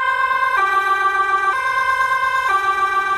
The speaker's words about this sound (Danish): Det her det er udrykningskøretøjer fra i fredags ved et gymnasium i byen Fogestad, hvor en person bevæbnet med svær dræbte en 17-årig pige og sårede tre andre.